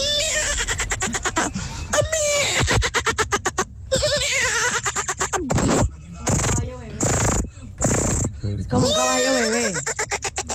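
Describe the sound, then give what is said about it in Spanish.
A person imitates a horse whinnying: loud, fluttering lip-trilled bursts and rising-then-falling squealing cries, repeated for several seconds with brief breaks. “Mi talento oculto es, Tropicana, ser un caballo.”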